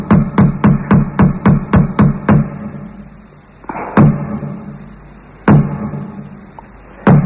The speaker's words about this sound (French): tu viens de frapper à ma porte, je viens t'ouvrir la porte ouais.